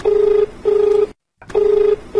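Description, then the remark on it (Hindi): A telephone rings for an incoming call to the Hello Kisan program, with steady, electronic tone bursts repeating in a regular on-off pattern, clear, with no one speaking. “Doctor साहब एक phone आएगा बा।”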